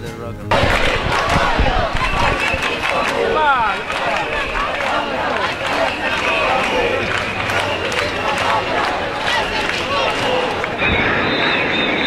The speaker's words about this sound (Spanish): Porque vamos a oír algo que ocurrió en la capital, ahí en Palma de Mallorca. Concretamente, porque 25.000 personas se juntaron porque estaban ya hartas y sus gritos fueron estos.